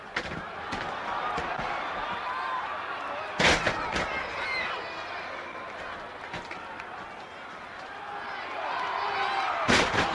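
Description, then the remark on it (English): Two heavy, booming thuds of bodies slamming onto a wrestling ring mat, several seconds apart, with lighter thumps between them over a steady crowd murmur. “And they take turns at body slams. You got to be in shape to take this kind of pounding.”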